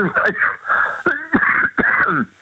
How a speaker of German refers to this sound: das ist mein Husten, wie gesagt.